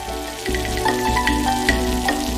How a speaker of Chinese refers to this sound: 锅热之后，倒入川菜的百味之源菜籽油，油温30%热左右，青花椒爆出味道，老姜末炝锅煸炒出香味儿。